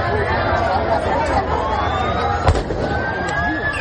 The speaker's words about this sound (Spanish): una tensión que intentó disipar la Policía Nacional a base de disparos al aire.